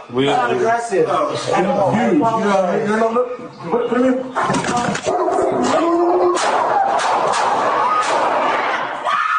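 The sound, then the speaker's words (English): A dog barks in loud, sharp bursts amid frantic, high-pitched human shouting and wailing, with sudden bangs, in police body cam footage from an apartment complex in Los Angeles where an officer shot and killed the dog. “The Los Angeles Police Department is under scrutiny after an officer shot and killed a dog in an apartment complex. The LAPD releasing body cam footage of the incident.”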